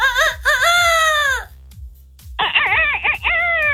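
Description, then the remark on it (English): A person loudly imitates a rooster's crow, a long strained cock-a-doodle-doo, then after a brief pause gives a second, wavering crow, both prominent. “in case people are new to the world and don't know what a rooster sounds like.”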